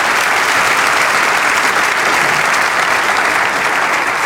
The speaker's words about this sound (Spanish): Vamos a darle ese aplauso al Señor.